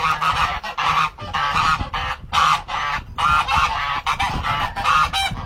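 Geese honk loudly, a steady stream of harsh, overlapping calls repeating with only brief gaps, with no voices in between.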